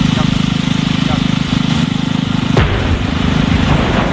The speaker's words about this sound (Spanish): Bueno, esto que acabas de escuchar no es una cafetera que ha explotado, sino una explosión controlada, donde en Rumanía, para desviar agua del Danubio hacia la central nuclear de Cernavoda.